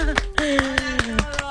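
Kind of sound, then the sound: crowd, applause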